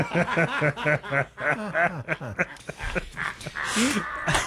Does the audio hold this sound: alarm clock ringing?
no